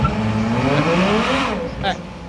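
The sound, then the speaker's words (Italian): A V12 car engine pulls away in first gear, its loud, steady drone climbing smoothly in pitch as it accelerates, then easing slightly near the end. “Vi do un V12.”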